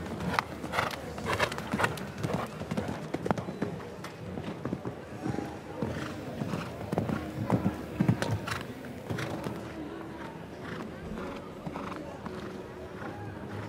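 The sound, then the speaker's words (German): A horse's hooves pound the ground in a quick, rhythmic canter across a show-jumping course, fairly loud, with faint voices murmuring in the background. “Hier ist das Pferd einfach zu tief gesprungen.”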